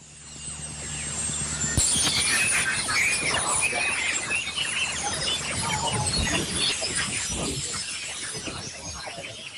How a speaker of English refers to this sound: Auroras can make sounds, sometimes described as a crackling, hissing, or whistling sound. The sound is often too low for humans to hear without special equipment, but here's what a recording sounds like.